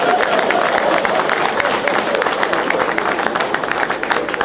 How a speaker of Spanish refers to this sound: ¡Aplausos de respeto!